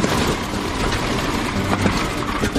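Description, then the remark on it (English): The big piston engine of a D-21 aircraft, just started, runs loud and rough, its steady roar broken by a few irregular bangs as one cylinder fails to fire properly while the fuel-air mixture is being adjusted. “The banging sound comes from one cylinder failing to fire properly.”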